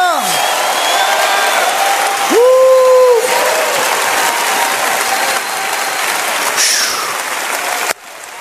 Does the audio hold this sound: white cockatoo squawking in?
no